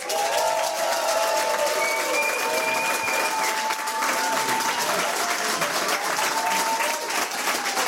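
Loud, sustained applause from an audience, a dense steady wash of clapping lasting several seconds, with a few faint whistles or cheers riding over the top.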